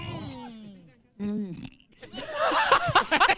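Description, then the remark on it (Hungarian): A long, low, croaking burp, then a shorter second one after a brief pause. Lively laughter and voices break out right after. “egészségedre.”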